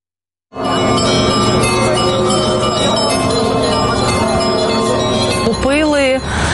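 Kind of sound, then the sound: signal or alarm, church bells ringing loudly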